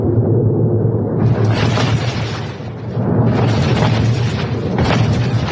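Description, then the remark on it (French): A series of heavy explosions from US strikes on a control station in the port of Bandar Abbas, Iran, booms in quick succession, loud, with dense rumbling low end and crackling bursts that swell and fade over several seconds. No one speaks. “La zone a été secouée par plusieurs explosions.”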